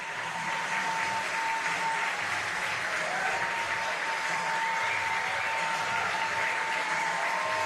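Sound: spectators applauding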